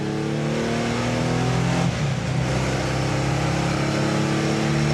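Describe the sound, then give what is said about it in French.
A car engine drones steadily and loudly while driving, its tone holding through several harmonics, then dipping and climbing again as the revs change midway. No one speaks. “Déjà que Jean-Marc était très très inquiet, hein, parce que c'est la première fois que quelqu'un d'autre conduit sa voiture.”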